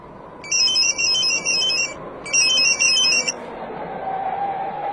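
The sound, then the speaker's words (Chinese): A phone rings in two long electronic bursts, each a rapid warbling trill with bright high tones, separated by a short pause, over a low steady background rumble. “但是快到高威家的时候，一个电话打乱了苗振原有的计划。”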